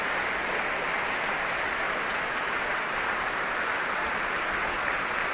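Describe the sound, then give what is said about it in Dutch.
Sustained, dense applause from a large concert audience, joined by all the musicians of the Concertgebouw Orchestra, for a South Korean performer returning to take the applause; a steady wash of many hands clapping at an even loudness throughout, with no voices standing out. “Groot applaus ook van alle muzici van het Concertgebouworkest.”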